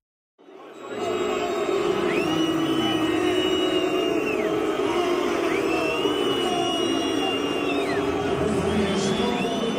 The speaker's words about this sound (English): Many World Cup fans are booing midway through the 45-minute halves. That's because they're opposing FIFA's newly introduced hydration breaks.